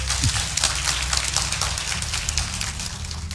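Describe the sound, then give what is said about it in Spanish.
An audience claps steadily for a few seconds in applause for the Lord, a dense crackling burst of many hands at an even, fairly loud level, with no voices on top. “Ah, denle un aplauso al Señor si quiere relajarse.”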